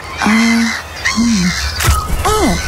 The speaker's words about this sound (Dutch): Oh. Ja. Meeuw.